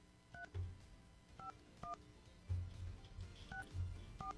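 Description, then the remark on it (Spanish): A series of short two-pitch telephone keypad tones beeps out at an uneven pace as a phone number is dialed to call a contest winner, with low thumps and a faint hum in the background between presses. “Vamos a marcar. Estamos aquí preparando la línea.”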